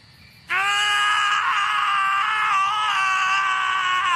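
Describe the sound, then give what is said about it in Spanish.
Two male voices, the two protagonists of the film Harold and Kumar Go to White Castle, scream loudly and continuously, a sustained, strained yell that starts abruptly and holds for about four seconds with no pauses or speech. “Sí, ahí están gritando nuestro par de protagonistas como agradecimiento por toda la publicidad gratuita que les dio la película White Castle.”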